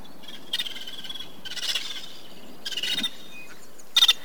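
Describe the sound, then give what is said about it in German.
Four loud, raspy calls of vulturine guineafowl, birds of the African savanna, burst out in quick bursts, each a harsh rattling chatter lasting about half a second, with brief pauses between them against a quiet outdoor background. “Geierperlhühner treffen Mehrheitsentscheidungen und sie kommen in der afrikanischen Savanne vor.”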